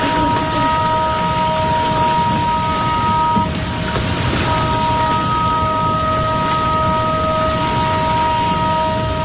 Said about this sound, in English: Okay, there was a lot of rain, but that was me recording that siren yesterday when it kept going off. Now, the siren was a new lightning detection system. The system provides early warnings when dangerous weather and lightning are detected